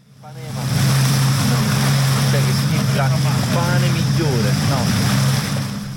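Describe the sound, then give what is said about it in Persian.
Steady wash of surf and open-air beach noise on the beach of Atakos, a small Greek island in the Ionian Sea, in summer, with tourists swimming; a low engine hum runs throughout, and voices of people chatter and call out in the background. “در ساحل جزیره کوچک در دریای ایونی یونان، گردشگران مثل بسیاری از بازدید کنندگان این کشور محبوب مدیترانه‌ای در فصل تابستان در آبهای نیلگون مشغول تفریح و آبتنی هستند”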